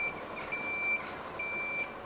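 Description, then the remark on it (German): A fire brigade ladder truck's reversing alarm sounds at Münster Zoo as the truck is moved into position, in steady, high-pitched beeps, each about half a second long with gaps between, over a constant low engine rumble. “Die Feuerwehr bringt ihren Leiterwagen in Position.”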